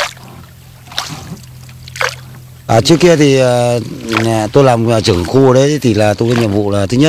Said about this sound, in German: Und auch wir ruderten so zu einer Insel. Sie hören es ja schon, das Rudern des Bootes in die Halong-Bucht.